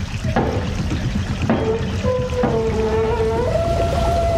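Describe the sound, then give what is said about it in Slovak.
A wheel is cranked to lift a mill sluice gate so water from the millrace does not overflow: three sharp metallic clanks, then a drawn-out, wavering squeal of the mechanism over steady rushing water, fairly loud. “Hej, sused, potočte tým kolesom. Zdvihnite stavidlo.”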